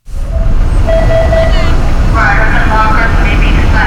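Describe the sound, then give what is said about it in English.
Loud, steady rumble of yellow school buses idling outdoors, lined up outside a sprawling red brick middle school in Peabody, with indistinct voices and chatter drifting through the background the whole time. “On a recent Wednesday, yellow school buses line up outside a sprawling red brick middle school in Peabody.”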